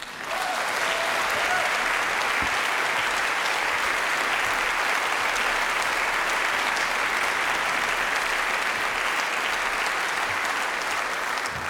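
A large audience applauds warmly and steadily, a dense wash of clapping that holds at full strength for about twelve seconds without fading.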